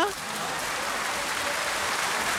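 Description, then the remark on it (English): Heavy rain pours down on a Wednesday afternoon in Abuja in a dense, steady hiss that stays loud and unbroken throughout, with a faint trace of a voice at the very start. “It's raining. It's pouring.”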